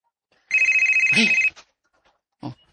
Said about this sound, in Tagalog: Magkalitan sa pag-ring. O, kalit nining akong cellphone.